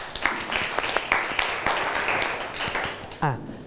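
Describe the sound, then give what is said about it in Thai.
A classroom of students claps for a classmate who has just presented the solution to a quadratic equation in math class. It is a steady, scattered burst of applause lasting a few seconds, with a brief voice cutting in just as it ends. “โอเคปรบมือให้เพื่อนหน่อยนะครับ”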